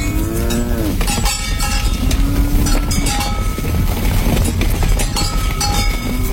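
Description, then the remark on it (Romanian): Oxen pulling a cart in hilly country low repeatedly in deep, drawn-out moos while a cowbell clanks steadily throughout, its bright metallic tones ringing over a constant rumbling background with no talking. “Bade, nu vrei să pocnești din bici pe lângă boi să mă ducă până în satul vecin?”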